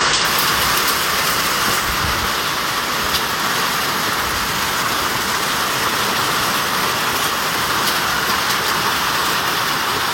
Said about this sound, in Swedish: Hör ni, det regnar jättemycket över Västernorrland på sina håll. Vi har fått in lite filmer här på vår Facebook-sida. Och det är ju dramatiskt nog, men man kan ju bara ta och lyssna på ljudet här.